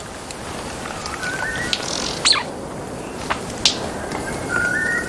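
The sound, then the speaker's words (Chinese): A male white-bearded bird calls in a dense forest during breeding season: thin, rising whistled notes broken by a few sharp, loud snaps, all over a steady hiss of background noise. “在茂密的丛林中，一只雄性白须交翁的鸣叫声格外引人注意。”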